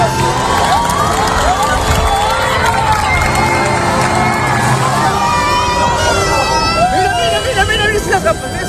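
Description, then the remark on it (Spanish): A large outdoor crowd shouts and cheers continuously during a solar eclipse, with high excited cries and whoops rising over a dense roar of many voices, loud and sustained throughout. “Escuchábamos los gritos de la gente en la Torre de Hércules, en La Coruña, también en la playa de Salou”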